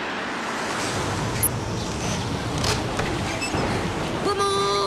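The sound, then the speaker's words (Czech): Water rushes and sloshes steadily into a sinking small boat, a loud continuous churning wash throughout, with a brief high-pitched voice-like cry rising near the end. “Pomoc, do lodi vítká voda, potápíme se.”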